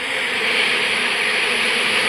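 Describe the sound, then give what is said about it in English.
A steady, unbroken buzzing drone holds at an even loudness for about two seconds, a dense hum like many bees swarming together at a house, with no voices. “These are bees.”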